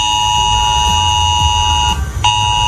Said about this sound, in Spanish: Hoy este sonido ha sonado en los teléfonos móviles de los vecinos de la localidad de Villanueva de las Cruces, que ha tenido que ser desalojada.